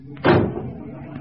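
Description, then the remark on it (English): A vehicle door slams shut with one heavy thud that rings briefly and fades into a low background rumble, as the driver prepares to crash through a gate. “Shut the doors.”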